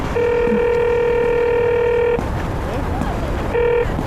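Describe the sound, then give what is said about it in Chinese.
Telephone keypad dialing tones: a steady electronic tone holds for about two seconds, breaks off, then returns briefly, clear and close with low background noise underneath. “我打 电话了。”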